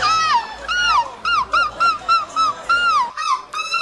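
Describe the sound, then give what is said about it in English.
A person imitates a seagull with a rapid series of about ten loud, nasal, arching shrieks, strained, rising and falling in quick succession with short gaps between calls. “So the only seagull shreaking we have is me.”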